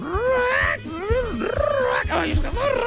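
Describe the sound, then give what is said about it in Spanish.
A parrot squawks loudly, giving three or four harsh, wavering calls that swoop up and down in pitch, over a low pulsing rumble in the background. “Vamos a hablar allá con los loros. David, Aruba. Con los loros y empezó el loro.”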